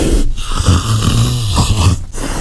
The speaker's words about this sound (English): It's almost like they're snoring, isn't it? They're deep in a dream. Who could it be? They're covered in rosettes. It's a big cat. You might find them climbing trees. Well done if you said today's creature calling in is a leopard.